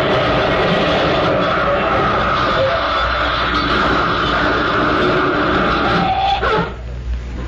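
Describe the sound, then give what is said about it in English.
The speaker's car slams into a tree with a loud, sustained roar of crunching, rumbling noise that churns for several seconds before abruptly dropping away near the end. No one speaks. “Sam, that was my car.”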